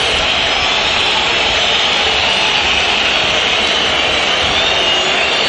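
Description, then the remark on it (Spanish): A massive stadium crowd whistles nonstop at Racing goalkeeper Cambeses as he appears, a loud, dense, shrill wash of sound that holds steady throughout without any pause or voice breaking through. “Se lo recibe con esta lluvia de silbidos.”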